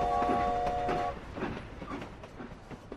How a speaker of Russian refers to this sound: Тихо-тихо в полях после грохота поезда.